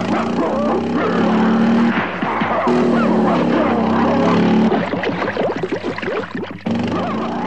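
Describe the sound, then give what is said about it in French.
Two dogs bark in quick, overlapping bursts while chasing Edgar on his motorcycle back to Paris, over the steady, loud drone of the motorcycle engine that runs throughout, with a cluster of sharper yaps near the end. “Une fois de plus, les deux molosses à ses trousses.”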